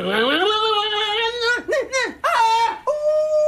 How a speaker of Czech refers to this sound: A nebij mi tu jako pes na měsíc.